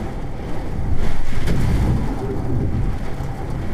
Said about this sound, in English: Sheets of rain were pounding the window like a fire hose. Wind gusts here topped 70 miles an hour. It almost sounded like there were waves lapping against the side of the building.